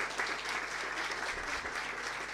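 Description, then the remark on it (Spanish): A crowd claps steadily to thank la Molinera, a company collaborating with health work: a dense, even wash of many hands applauding at a constant loudness with no voices breaking through. “Muchas gracias, un fuerte aplauso.”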